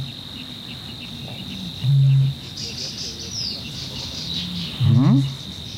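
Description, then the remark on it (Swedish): A water rail gives two short, deep grunting calls a few seconds apart, loud, over a steady high hum of crickets or insects, at night at the bird lake Tåken. “Nu kurrar det inte i min mage, det var en vattenrall.”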